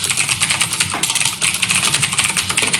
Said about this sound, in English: Typing on a computer? That stresses me out. Yeah, it's typing on a mechanical keyboard.